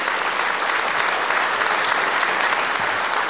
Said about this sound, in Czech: Dámy a pánové, přicházejí Zlata Adamovská a Petr Štěpánek. Zlata Adamovská, Petr Štěpánek, a takhle vám tleská tenhle nádherný historický sál v Luhačovicích.